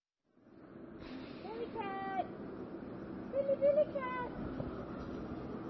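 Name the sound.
cat meowing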